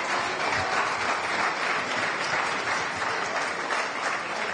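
Steady audience applause, a dense wash of many hands clapping at an even, sustained level for several seconds with no voices standing out.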